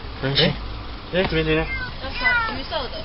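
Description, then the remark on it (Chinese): An orange kitten trapped in the engine compartment of a roadside car in Gushan District, Kaohsiung, meows in a few short, high, wavering cries spaced over a couple of seconds, with people's voices and low background noise around them as police and bystanders try to rescue it. “高雄市警局古山分局龙华所员警到场，确定有一只幼猫受困在路边车辆的引擎室内”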